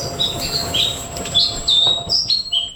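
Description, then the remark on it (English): Clear, high-pitched bird whistles and chirps repeat in short phrases over a soft outdoor background, a small songbird calling, a Chatham Islands black robin. “The cuddled air, Black Robin, has been named Bird of the Year for the first time.”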